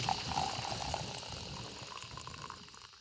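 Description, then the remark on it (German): A super-luxury coffee machine hisses and gurgles steadily as it pours boiling hot water over freshly ground coffee beans, a continuous bubbling and trickling with a faint whistling tone, no voices. “Oh, also unsere Super-Luxus-Kaffeemaschine übergießt jetzt mit kochend heißem Wasser die frisch gemahlenen Kaffeebohnen.”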